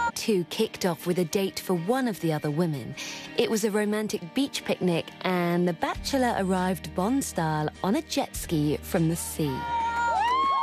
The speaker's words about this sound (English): He's greeted by a lot of screaming,